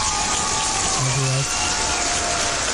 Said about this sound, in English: And I want to clap for you and then give you a blessing, because on this show, we have to give a blessing.